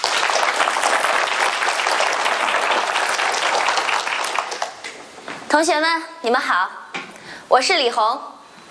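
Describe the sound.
Loud, steady applause from an audience fills the first half, a dense crackle of many hands clapping, then fades as a woman begins speaking with a bright, expressive voice.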